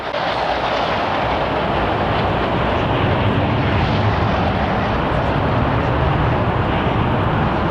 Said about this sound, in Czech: Další skupina bude vedena podplukovníkem Prelcem a bude to 12 letounů MiG-21. Ano, už jsou tady.